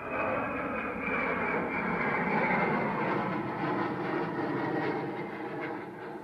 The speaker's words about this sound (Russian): С шумом пролетает самолет.